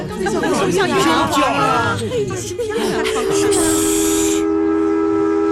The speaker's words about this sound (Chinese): 你们听，小火车又鸣笛啦。